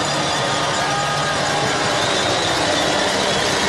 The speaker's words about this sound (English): So Chiefs hell-bent on bringing the bells, which have, of course, become the soundtrack of Waikato rugby. And just listen to the cowbells start to ring.